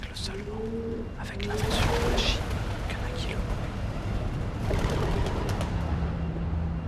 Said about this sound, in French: C'était donc roucoulement suivi d'un vol de pigeons.